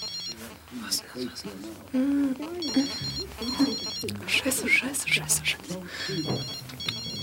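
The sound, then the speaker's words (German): A mobile phone rings with repeated electronic bursts in a steady pattern while a person talks over it, sounding hurried. “Endlich hatte Heike ihr Handy gefunden. Sie schaute auf das Display. Unbekannter Teilnehmer.”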